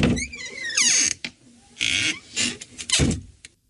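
A door is pulled open with a rising, creaky squeal, followed by a few loud clattering thuds and rattles as it swings and settles. No one speaks.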